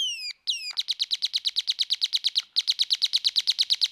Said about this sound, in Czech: Vy slyšíte, jak ptáčkové krásně zpívají